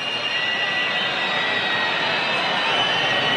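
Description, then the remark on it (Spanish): A stadium crowd whistles as River leave the pitch at half-time of a 0-0 match against Blooming, a loud, steady wash of noise with shrill high-pitched whistle tones holding on continuously over the roar. “A ver, lo silbido, ahí se va River, a ver.”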